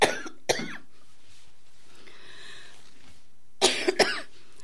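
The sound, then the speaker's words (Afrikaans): Two pairs of sharp coughs from a speaker with a scratchy throat, a quick double cough at the start and another double cough near the end, separated by a few seconds of quiet hiss with no talking. “Ek vraag over ons koning vir die hoesie.”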